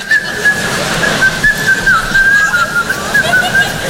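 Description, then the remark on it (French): A person whistles a light, wandering tune continuously for several seconds, the notes gliding up and down at a steady, moderate loudness over a soft background hiss. “T'arrives le matin au bureau en France, tu sifflotes, tu te fais alpaguer.”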